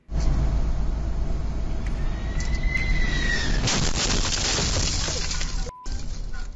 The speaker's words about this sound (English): The wheel of a United Airlines flight arriving at Newark International Airport hit a truck while landing. This happened yesterday. Thankfully, the man driving the truck only suffered minor injuries. The jet was flying in from Venice and landed safely